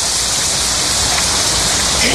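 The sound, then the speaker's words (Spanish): Heavy, steady rain pours down in a dense, continuous hiss that stays loud throughout, with no breaks or distinct drops standing out. “Resistente a la lluvia.”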